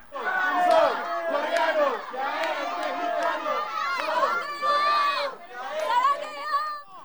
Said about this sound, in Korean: 전날 과달라하라에 입성한 홍명보호의 베이스 캠프 첫 공식 훈련. 훈련을 시작한 선수들을 향해 열띤 응원이 쏟아집니다. 관중석을 가득 채운 현지 축구 팬들입니다.